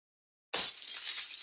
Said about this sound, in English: Oh, what the heck? Cracked windshield?